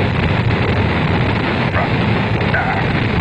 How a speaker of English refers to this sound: The engine's now building up to 7.7 million pounds of thrust. We have a launch commit and we have a liftoff. The swing arm moving back. The Saturn V lifting off the power. Alpha pad building up thrust. We clear the tower.